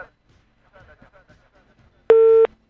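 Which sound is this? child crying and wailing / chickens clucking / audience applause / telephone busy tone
telephone busy tone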